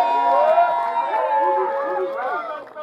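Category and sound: crowd, audience cheering and applauding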